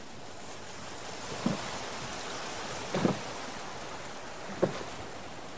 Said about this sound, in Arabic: ثم يرتفع صوت بحر وحركة قوارب